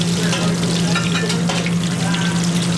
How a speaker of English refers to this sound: To finish up the tacos, the grasshopper filling is wrapped in a tortilla and deep fried.